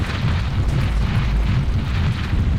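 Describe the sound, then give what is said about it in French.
A mudslide roars down and blocks the entrance of a cave in a heavy, continuous rumble, deep and loud throughout, with a churning wash of debris and no pauses or voices. “Zut, une coulée de boue vient d'obstruer l'entrée de la grotte.”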